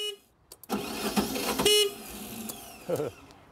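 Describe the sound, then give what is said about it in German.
A small pressure washer engine at a sea lion pool is cranked and sputters briefly with a harsh, buzzing rumble, then dies without catching; a second short attempt follows. Fairly loud, with no talking. “Stefans Zeitplan am Seelöwenbecken stockt, beziehungsweise der Motor. Der will noch immer nicht.”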